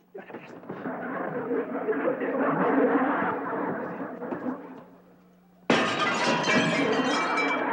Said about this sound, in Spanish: ¡Rompiendo los vidrios de mi casa!